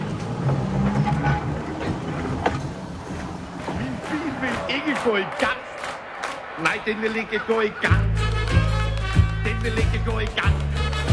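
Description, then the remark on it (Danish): A rail vehicle rumbles along its track with rhythmic clanking and rattling, low heavy rumble building louder toward the end, with faint voices mixed in the background. “Sporvognen på P5.”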